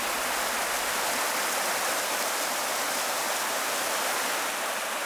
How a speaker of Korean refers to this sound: 화양천 맑은 물 따라 아홉 구비 계곡의 물소리 아름다운 곳, 화양 구곡입니다.